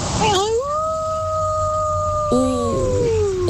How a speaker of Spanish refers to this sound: Oígame esto. Este es el aullido de una lobita. ¡Épale! ¡Ay, cuchi, cuchi! ¡Qué buena lobita!